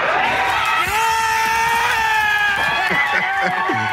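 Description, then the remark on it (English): A dense crowd of fans screams and yells together as the end of a game in Los Angeles nears, with a sustained high-pitched shout rising over the loud, constant roar of many voices cheering and whooping. “This was the sound just as we were eagerly anticipating the end of the game.”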